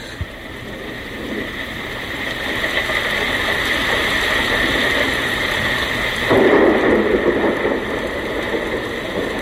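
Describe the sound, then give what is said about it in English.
A dense, continuous crackling hiss like heavy rain, played from a recording, pours steadily throughout, loud, swelling briefly into a stronger rumbling gust about two-thirds of the way through. No one speaks. “It sounds so much like rain, doesn't it?”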